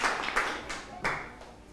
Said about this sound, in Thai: โอเคครับถือว่าตอบได้เร็วปรบมือให้เพื่อนครับรับไปเลย1คะแนน